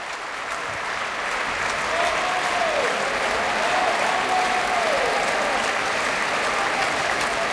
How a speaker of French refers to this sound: Et de beaux applaudissements encore pour le ténor Penepati qui faisait une courte, brève, mais très belle apparition dans ce requiem, dans le Sanctus tout à l'heure.